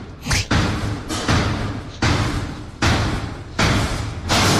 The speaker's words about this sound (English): It sounds like the beginning of a frightening movie trailer. And then it smashes down. That's the lift next to me.